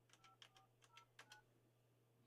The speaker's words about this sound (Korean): 지금 거신 번호는 없는 번호라고 하는데 제가 잘못 눌렀나? 이번에 갑니다. 제가 잘못 눌렀네요.